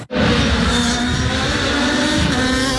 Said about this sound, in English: As the cars raced by, many fans were entranced by the sound of those engines. I just like the loudness, watching the cars racing.